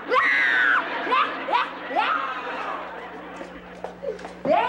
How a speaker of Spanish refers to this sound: es la Chilindrina que está llorando